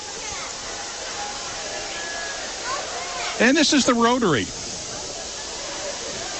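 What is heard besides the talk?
rain falling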